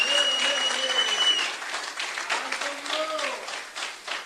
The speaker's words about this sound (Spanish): Dele fuertes aplausos a Cristo en esta bendita noche.